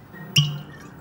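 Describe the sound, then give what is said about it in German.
A single short, harsh call from a blue-footed booby, rising abruptly and fading within a quarter second, against a quiet, faintly noisy background with no talking. “Blaufußtölpel leben auf den Galapagos-Inseln.”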